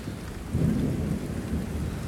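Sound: rain falling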